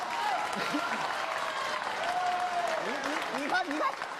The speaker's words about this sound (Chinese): 你看这多好看的这。哎，行。既然大伙鼓掌了 啊， 我就给大伙展示一下， 练练。